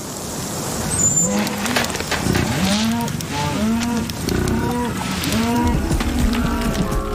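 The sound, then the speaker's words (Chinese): Several cattle low again and again on a pasture, their deep, drawn-out moos overlapping and bending up and down in pitch over a steady background hiss. Nobody speaks. “那就是牧场。”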